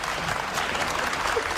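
Dense, steady applause from a large audience fills the whole moment, a continuous wash of clapping at an even loudness with no talking over it.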